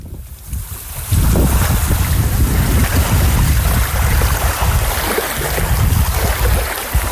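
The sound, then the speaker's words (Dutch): Seawater waves of Guantanamo Bay, Cuba, by the fence of the American naval base, wash steadily and loudly, a dense rushing surge with gusts of wind buffeting the microphone; no voices, just the continuous churn of water. “Het zeewater dat je hoort is het water van Guantanamo Bay.”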